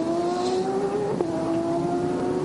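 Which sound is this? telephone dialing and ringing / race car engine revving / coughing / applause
race car engine revving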